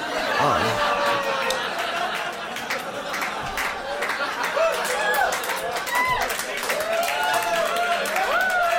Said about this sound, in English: Take a second. Take it all in, because that was a lot of different reactions. Some people clapped. Some people cheered.